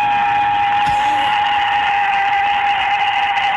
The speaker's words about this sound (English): That scream at the end? Hang on, let me get that. Let me play that one more time.